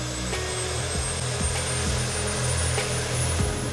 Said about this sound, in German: Wir starten das Triebwerk 1.